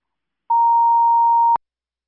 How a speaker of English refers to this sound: I'm giving you some phone call traffic.